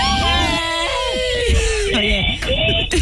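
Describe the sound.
Several voices scream together on the radio show Mañanas Máximas, a dense, overlapping wall of high-pitched shrieks that stays loud for about three seconds with brief dips and surges.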